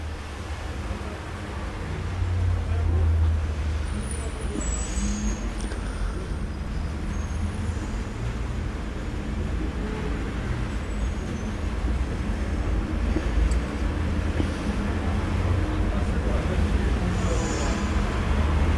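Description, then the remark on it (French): A steady, dense roar of street traffic, with a number 86 bus, trucks including a Nicolas truck, and several cars and taxis rumbling past, forming a continuous low drone with occasional brief high squeals. “Passe un 86, les cocotiers sont arrivés. Un camion Nicolas. Un camion beurre au fromage. Plusieurs voitures, des taxis.”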